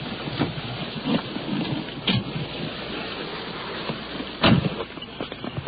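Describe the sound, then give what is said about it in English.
Heavy rain beats down hard outdoors over a parking lot in a dense, steady hiss, with a few louder bursts and thumps breaking through. No one speaks. “Rain is coming down now. It's beating down pretty hard as we're crossing this parking lot.”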